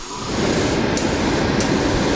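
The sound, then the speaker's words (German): A steady mechanical whirring with a dense low rattle runs throughout from sewing machines in a tailor's studio, where workers sit overlocking and hemming, with two brief high clicks and no voices. “an den Nähmaschinen sitzen, ketteln und säumen, wird's auch bei Ried Couture laut. Es schnurrt und rattert.”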